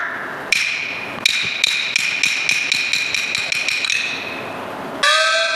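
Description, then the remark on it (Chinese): A rapid series of sharp knocks on a door as someone arrives and calls for it to be opened, speeding up into a dense run of taps with a bright metallic ring, ending in a sustained ringing tone. No voices. “门外何人叫门？”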